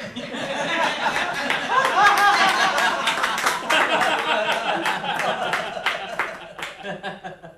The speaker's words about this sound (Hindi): तभी मेरा ध्यान एक जनसमूह की ओर गया, जहां बीच में अधपके बालों, चीकट कपड़ों वाला एक उन्मादी सा व्यक्ति लोगों की तालियों के साथ नाच रहा था। उसके कनसुरे गायन पर बाल वृद्ध नर नारी हंसते हुए तालियां बजा रहे थे।